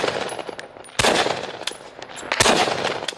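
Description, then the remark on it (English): Heavy machine gun fire rattles in rapid bursts, with two especially loud, sustained volleys standing out amid scattered sharper shots, without any voices. “Drones also target heavy gunfire.”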